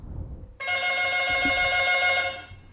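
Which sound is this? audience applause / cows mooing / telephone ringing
telephone ringing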